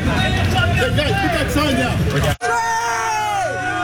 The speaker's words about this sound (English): The protester taken away as several from the crowd yell expletives towards officers.